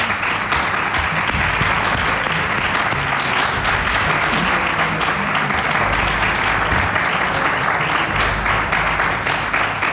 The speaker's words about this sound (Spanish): Tengo que repetir, porque en estos congresos, en este congreso de Tolerancia Mágica, lo que sí que puedo decir con mucho orgullo es que siempre hay personas maravillosas que nos acompañan cada año. Así que un abrazo y un fuerte aplauso para vosotros.